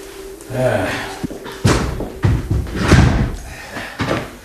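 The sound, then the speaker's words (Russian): A locked door rattles and thuds as someone repeatedly tries it, several loud knocks and jolts in an uneven rhythm, with a faint hum in the background. “дверь как будто заперта.”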